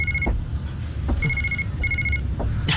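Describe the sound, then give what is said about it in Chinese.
A telephone rings with a bright electronic trill in short repeated bursts over a steady low rumble of background noise. No one speaks. “怎么这时候来电话？”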